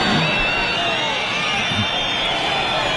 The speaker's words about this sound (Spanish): Abucheos al ministro Fernando Grande Marlaska en Jaén. Era su primer acto con la Guardia Civil tras la muerte de 2 agentes en Huelva por la embestida de una narcolancha.